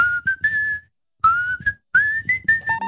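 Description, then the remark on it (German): A person whistles a short melody in three bright, rising phrases separated by brief pauses, clear, with a soft low rumble underneath and no talking. “Maximum Rock am Mittwoch hier in deiner Rush Hour und da wird gepfiffen”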